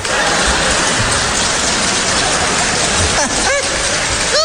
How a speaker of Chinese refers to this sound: 谢谢各位智慧的掌声